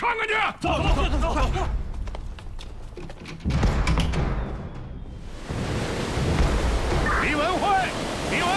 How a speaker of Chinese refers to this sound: 大海上今天九级大风，他不要命了！